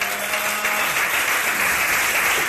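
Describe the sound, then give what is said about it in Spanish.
A church audience breaks into sustained applause for Christ, dense overlapping clapping from many people filling the space steadily and loudly, with no voices standing out. “Dele un fuerte aplauso al Cristo de la gloria.”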